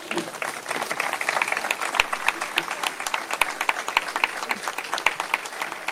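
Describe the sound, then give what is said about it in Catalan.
A crowd at a Catalan National Day (Diada) event in Caldes de Montbui applauds steadily in a sustained ovation after Francisco Javier Suárez's speech, dense overlapping claps at an even, fairly loud level throughout, with no voices rising above the clapping. “Doncs bé, després de l'ovació al Francisco Javier Suárez per les seves paraules, on ha remarcat la unió”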